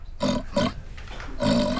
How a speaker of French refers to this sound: Mais c'est un grognement de cochon. Qu'est-ce que fait un cochon dans une bibliothèque?